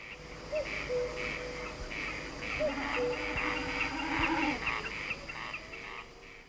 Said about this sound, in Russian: А кукушка в эту пору светлых ночей кукует всю ночь напролет.